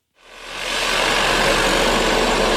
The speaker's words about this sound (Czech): Teďka tady vidíte vrtací stroj, který tady dělá vývrty pro trhací práce.